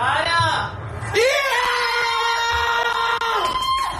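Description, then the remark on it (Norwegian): Several voices of a family scream together in excited celebration, a sustained high-pitched yell from a small group, rising sharply after a brief lull and holding for a few seconds, reacting to the first goal of a football match, scored by Antonio Nusa. “Det grei skriking der også”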